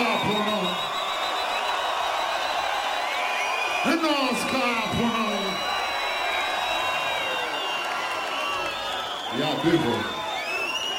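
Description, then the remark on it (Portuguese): A packed, completely full concert audience cheers steadily as a performer comes on stage for the first time, a dense roar of voices with high whistles and whoops rising out of it, a couple of loud sweeping yells near the start and again toward the end. “Para delírio da plateia que está completamente cheia e que não arredou pé desde o início do concerto.”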